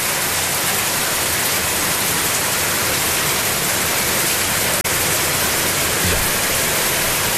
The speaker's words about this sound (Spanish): Está lloviendo fuerte, con tormenta eléctrica muy fuerte. Wow. Empezó a llover, se cerró y está la lluvia muy fuerte, muy fuerte. Muy fuerte la lluvia, me dice, y nos envían videos en Vallenar.